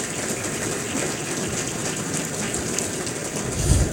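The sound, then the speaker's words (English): An audience at the Akron Roundtable Signature Series Luncheon claps for Daryl Toll and moderator Marty Hauser in a dense, steady round of applause, a crackling wash of many hands that holds at an even level for several seconds with no voices. “If we would celebrate them with a round of applause, please.”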